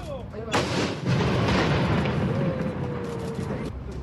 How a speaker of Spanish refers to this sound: Pasemos justamente a escuchar el momento de este cañonazo.